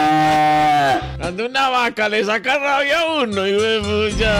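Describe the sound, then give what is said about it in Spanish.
A cow lets out one long, low, drawn-out moo as people try to grab it by the horns and tie it, then excited voices talk rapidly over the remaining seconds. “Cuando una vaca le saca rabia a uno, y fue pucha.”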